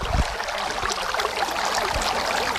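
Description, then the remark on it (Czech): Water at the shore of Smaragdové jezero (Emerald Lake), a steady wash of splashing and lapping with a few soft low thuds, continuous and fairly loud with no voices. “Jasně, kamarádi, tak pojďme na to, 3, 2, 1, u vody jsme.”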